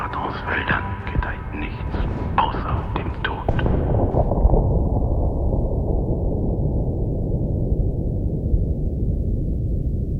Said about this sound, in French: Le canon là-bas a défoncé le soir profond avec un bruit de cataclysme. Comme si des cyclones avaient heurté en route des typhons.